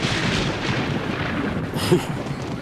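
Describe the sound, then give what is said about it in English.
A loud, close thunder clap during a late-evening storm rolls into a sustained, heavy rumble, with a sharper crack bursting out near the end before the roar continues. No voices are heard. “Can you believe that this storm is...”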